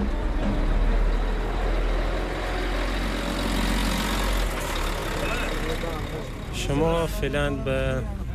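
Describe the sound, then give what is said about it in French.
A bus engine idles with a steady, low rumble as a migrant family boards it, bound for Herat, the hum easing partway through as people's voices rise over the background noise toward the end. “On retrouve devant le bus”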